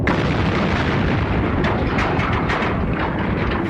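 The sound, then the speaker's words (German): An explosion sound effect: a loud, continuous explosion roar fills the whole stretch, deep rumbling mixed with crackling bursts, dense, with no voices. “Wir lassen einfach den Teil der Erde explodieren, dann hören die auf.”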